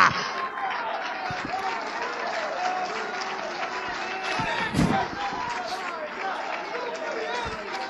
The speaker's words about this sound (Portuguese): Tem palmas sobrando aí? Solta!